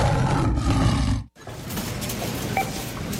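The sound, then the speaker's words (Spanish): A loud tiger roar sound effect in a radio advertisement for the Super Baratón supermarket, a deep rumbling growl that breaks off briefly and then surges back for a second, longer stretch, with no voices around it. “¡Llegó el tigre!”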